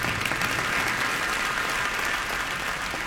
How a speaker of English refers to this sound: And after you've done everything, you're the last man standing. You can clap for that.